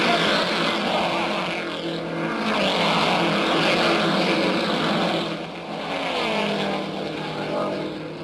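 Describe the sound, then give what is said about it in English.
Loud, continuous roar of big racing car engines speeding past on a track, led by Dick Rathman's gray number 97 and Ed Alesian, with Bill Cheeseburg's gray Novi number 54 last. The pitch rises and falls in waves as several cars speed by in succession, with overlapping engine whines and no voices. “And there they go, those buffeting, bouncing big cars of the racing world.”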